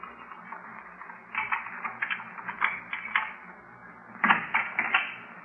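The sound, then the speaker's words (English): Footsteps outside a house: a series of dull, uneven taps and thuds, moderately loud over a steady hiss, ending with a brief cluster of louder steps. No one speaks. “I thought I heard footsteps outside the house.”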